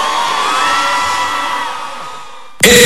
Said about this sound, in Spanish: El aplauso, un aplauso para nuestro querido Arturo.